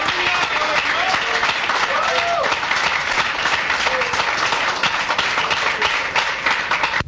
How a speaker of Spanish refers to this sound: Fuerte aplauso, que es para nuestro Rey. Gloria a Dios.